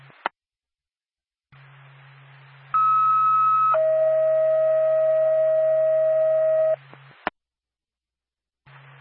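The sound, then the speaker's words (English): Radio dispatch alert tones paging Pack and White Field Ambulance: a brief higher tone steps down to a longer, steady lower tone, loud and clean over a low radio hum, with squelch clicks before and after. “Pack and White Field Ambulance, stand by for a tone.”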